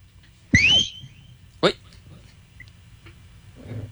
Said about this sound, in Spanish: Toca silbarles a ver si se aconductan.